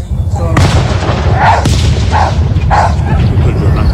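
A dog in a small field right beneath a fireworks display barks several times in quick succession while fireworks boom and crackle loudly throughout, the explosions forming a constant rumbling backdrop.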